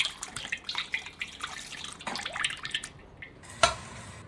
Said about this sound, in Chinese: 热锅倒油。